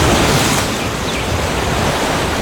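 Ocean waves wash steadily against the shore, a continuous, fairly loud roar of surf with a slight swell near the start and no voices.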